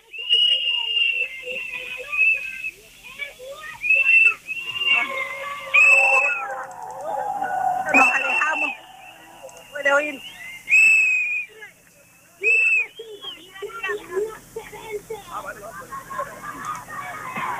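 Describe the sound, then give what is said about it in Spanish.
A crowd whistles in protest: many shrill, sustained whistles sound again and again over a constant murmur of voices, with louder bursts rising from the din throughout. “no sé esos silbidos por quién son, si es que hay alguien por ahí non grato.”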